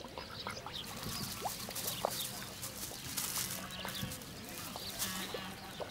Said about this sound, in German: Rührend kümmert sich die Gänsemagd um ihr Federvieh.